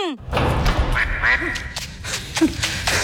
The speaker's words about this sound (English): The duck is not happy. It wants you to bin your butts.